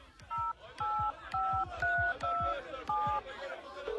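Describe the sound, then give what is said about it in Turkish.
Touch-tone telephone dialing: seven short, clear two-tone beeps in a steady rhythm, fairly loud, with a faint low murmur and soft knocks underneath. “Çalıyor. Ama açan yok.”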